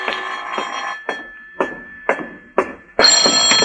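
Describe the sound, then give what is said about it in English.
A telephone rings in a series of evenly spaced bursts, about two per second, ending in a louder, brighter sustained ring. No one speaks. “This is the telephone company calling, Mr.”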